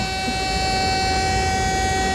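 A loud, steady alarm blares without a break, a harsh, buzzing, horn-like tone built from several stacked pitches, with no talking over it.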